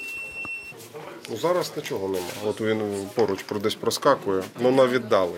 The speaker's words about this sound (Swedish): Sjukvårdsstationen här har sin egen lilla drönarvarningscentral. Det blippar och piper från en skärm och det indikerar att drönare finns i området, men på ganska långt håll. Men plötsligt så kommer det närmare.